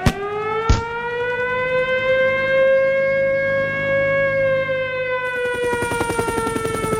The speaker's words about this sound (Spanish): Suena sirena.